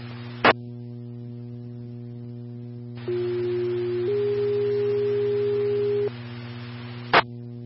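Radio dispatch alert tones paging Medic 2 for a medical transport to the ER: a steady tone for about a second steps up to a slightly higher tone held for two seconds, over hissy radio static and hum, bracketed by squelch clicks.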